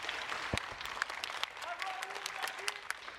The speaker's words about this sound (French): Avant de commencer le court discours que je vais vous faire, j'aimerais déjà que, eh bien, on applaudisse les deux personnes qui étaient là ce matin et qui ont fait un début en musique.